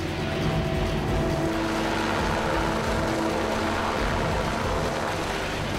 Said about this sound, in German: Und so holt der Hubschrauber das Opfer gemeinsam mit Michi aus dem Wasser.